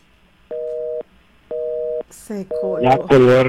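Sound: telephone dial tone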